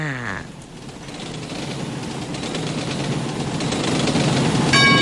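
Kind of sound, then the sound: vehicle, train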